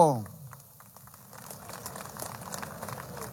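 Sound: applause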